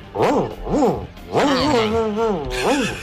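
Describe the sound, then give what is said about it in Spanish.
A listener's voice imitates an angry dog, part of a medley of animal imitations, with a few loud snarling yelps and a longer drawn-out growling whine, repeated in quick bursts without any spoken words. “Perro cabreado.”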